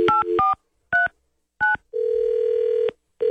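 A phone number being dialed on a touch-tone keypad to call a man live on the radio show 93.3 The Q: a quick run of beeps, two more spaced-out key tones, then a longer steady tone before another beep begins. No voices.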